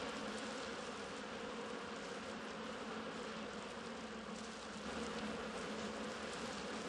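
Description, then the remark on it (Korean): A dense, steady drone of many honeybees buzzing together inside a hive, their coordinated movement keeping the hive warm for the larvae, a continuous hum with no pauses and no voices. “꿀벌들이 살아남으려면 끊임없이 번식해 무리를 유지해야만 합니다.”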